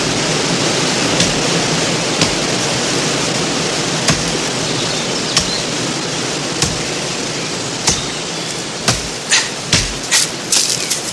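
A waterfall rushes in a steady, dense roar throughout, while sharp knocking impacts of someone chopping a tree cut through at intervals, growing quicker toward the end. No voices.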